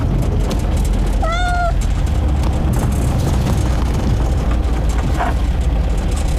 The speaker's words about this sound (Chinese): 哪来的野猫？